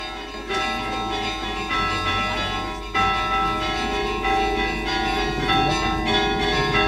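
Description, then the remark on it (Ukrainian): Church bells peal continuously on a sunny day, calling people to the Divine Liturgy, several overlapping tones ringing out loud and full with a steady, reverberant clang and no voices. “Це схоже на те, що ці дзвони закликають вже до божественної літури.”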